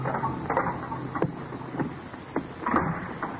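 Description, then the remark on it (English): The door of a prison death-house cell opening, with a handful of sharp clicks and knocks over a low, creaky mechanical rattle, moderately loud, and no voices. “And footsteps sound in the corridor. The door opens.”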